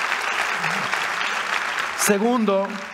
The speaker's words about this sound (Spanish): Vamos, si vas a aplaudir, hazlo con ganas, iglesia.